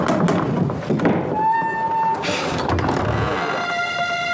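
Someone pounds on a door with a run of heavy thuds, loud and insistent, while a faint ringing, sustained tone hangs in the background.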